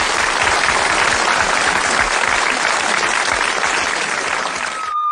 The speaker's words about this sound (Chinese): 我们掌声欢迎。